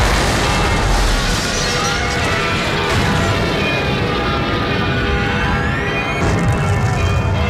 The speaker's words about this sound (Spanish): Un solitario avión alemán arrojaba 6 bombas de 10 kilos en pleno centro. Nada más ser avistado, habían sonado las campanas de la iglesia de Santa María instando a los vecinos a acudir a los refugios.